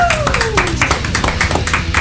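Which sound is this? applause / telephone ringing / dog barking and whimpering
applause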